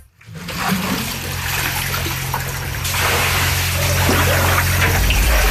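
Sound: flowing floodwater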